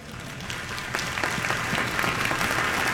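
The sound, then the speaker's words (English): A crowd breaks into steady applause for William Tyndale, the first person to publish a Bible in English, dense overlapping claps forming a continuous, moderately loud wash that holds level and swells slightly toward the end, with no voices over it. “You should be clapping for that guy.”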